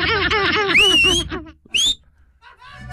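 A person whistles a short sliding tone and then a quick upward chirp, fairly loud, with a voice sounding underneath at the start.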